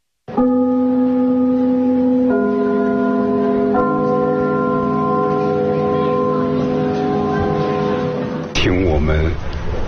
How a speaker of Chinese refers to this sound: 开幕的那个钟声， 嗯， 听着这都一种感情了。 什么感情？ 所以我们如果在别的剧场去演出，啊，我们一定把这个钟声录下来。